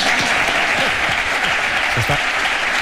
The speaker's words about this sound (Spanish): Aplausos.